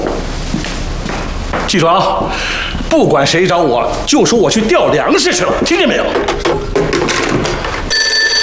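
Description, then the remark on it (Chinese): A bureau chief's old-style telephone bell rings repeatedly while people talk loudly over it, with a brief thud partway through and a sharper ringing tone near the end. “我叫你接电话去啊！”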